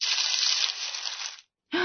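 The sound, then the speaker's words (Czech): A steady, breathy rustling hiss from behind a chair, a piece of paper on the floor pushed along by a draught from the window, runs for over a second and trails off, then after a short silence a fresh burst of rustling begins abruptly. No voices. “Slyšeli jste to? Tam za židlí, jako by něco zašustilo.”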